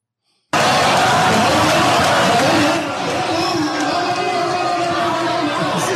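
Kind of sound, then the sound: crowd, town hall crowd booing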